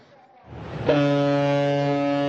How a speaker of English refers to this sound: A booming call cuts the silence. Cruise horns echo as the first vessels of the season set sail across once frozen Tianshi Lake.